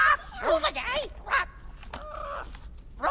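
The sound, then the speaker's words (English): A parrot named Winifred squawks in several loud, raspy bursts, its harsh calls rising and bending in pitch with short pauses between them. “Wow, how does a parrot know how to set up a sound system?”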